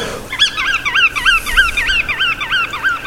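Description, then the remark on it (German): A flock of migrating sandpipers and other waders, resting at Geiseltalsee lake on their way from Scandinavia and Siberia to African wintering grounds, calls continuously, with many short, rising-and-falling piping notes overlapping in quick succession over a faint low rumble. No one speaks. “dadurch den Strandläufern und den sogenannten Wartvögeln Rastplatz.”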